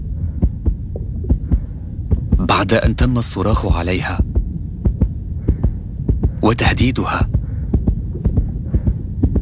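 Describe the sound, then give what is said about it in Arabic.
A nurse's rapid, steady heartbeat thumps throughout over a low droning hum, with a woman's voice speaking briefly in two short bursts partway through. “هذا صوت معدل ضربات قلب ممرضة”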